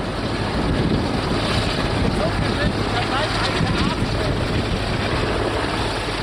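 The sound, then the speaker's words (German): Strong wind buffets the microphone in a steady, loud roar with rumbling low-end gusts, continuous throughout, with a faint hint of engine or water noise beneath. “Und um ihm richtig zuschauen zu können, stelle ich mich mitten in den Wind.”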